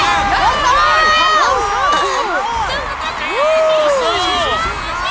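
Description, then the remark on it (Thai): A large crowd in a stadium cheers for trainer Satoshi as the top-eight finalists enter for the championship, shouting continuously with many overlapping high-pitched whoops and excited voices rising and falling, loud throughout without a break. “ทุกคนกำลังช่วยเชียร์ซาโตชิอยู่ด้วยล่ะ”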